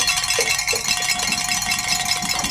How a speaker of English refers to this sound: And gentlemen, I'm getting the good word. We can ring some bells and celebrate here. Great.